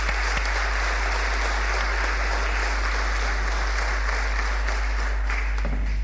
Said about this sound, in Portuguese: A entrega da Medalha de Mérito será entregue posteriormente, pois por motivos de saúde o Sr. Vítor Queiroz não está presente, mas por isso peço uma salva de palmas para a Tafi Tâmega e para o Sr. Vítor Queiroz.